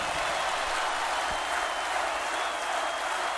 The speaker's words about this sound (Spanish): El aplauso de ustedes